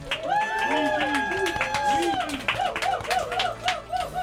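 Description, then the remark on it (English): An audience claps in a steady, dense patter of crisp hand strikes, while voices whoop and call out in rising and falling tones over the applause. “I hope everybody can hear the clapping.”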